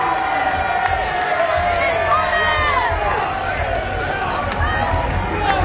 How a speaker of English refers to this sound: listen to the applause that he will get here outside the Guildhall.